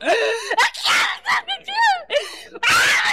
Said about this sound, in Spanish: No se asuste, oyente de la radio. Liberación está aconteciendo hoy día, domingo 5 de julio de este año 2026. Oye, Satanás, ¿qué te está pasando? ¿Por qué gritas?